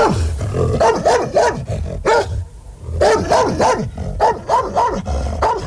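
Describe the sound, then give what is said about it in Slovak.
A dog barks fiercely in a rapid, loud volley of about a dozen sharp, growly barks, breaking off briefly midway before resuming just as aggressively. No one speaks. “Podišiel som k ním a zabrechal som, ako najstrašnejšie som vládal.”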